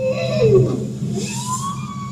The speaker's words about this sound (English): That's a bowhead whale.